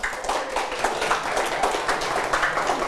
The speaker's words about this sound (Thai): ครับปรบมือให้เพื่อนด้วยนะครับ